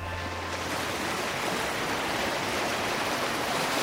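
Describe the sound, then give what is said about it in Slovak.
Steady, broad rushing of sea waves washing continuously, a dense hiss of surf filling the whole clip at even loudness, with no voices present. “Aha, more.”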